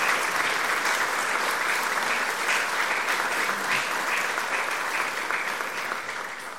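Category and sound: crowd, warm round of applause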